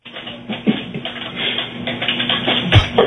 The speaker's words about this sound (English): You're typing so loud.